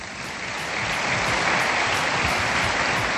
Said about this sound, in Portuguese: por isso peço também um forte aplauso ao DJ ….